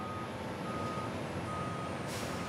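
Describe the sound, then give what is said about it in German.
Port terminal tractors hauling containers and tanks unloaded from a train onto a Stena Line ferry rumble steadily, a dense engine roar with a thin, high reversing-beep tone running through it and no voices. “Die Maffi-Fahrer des Hafens bringen sie jetzt auf die Stena-Line.”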